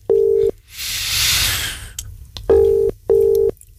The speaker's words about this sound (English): Come on, come on, please answer your phone. Two more. One more. And they're gone. I've hung up and I'm going to have to try somebody else.